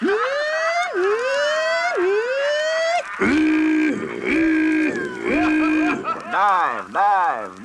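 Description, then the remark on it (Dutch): A voice imitates a submarine diving: three quick rising, siren-like whoops, followed by a run of loud, buzzy honking blasts that sag in pitch, each cut off abruptly. “En natuurlijk het duiken.”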